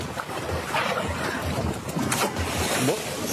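Water rushes and splashes steadily around a sailing boat under way during the Thiessen Race, a regatta of tall ships and traditional sailing ships in Kiel, with gusty wind buffeting the microphone throughout; no voices, a continuous, moderately loud wash.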